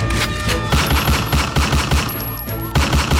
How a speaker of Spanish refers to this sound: Atención, porque ayer hubo balacera. Balacera en el norte de Santiago de Cali. Balacera aquí en la ciudad.